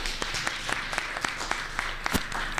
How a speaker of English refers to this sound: We need to get a round of applause for this event. Come on.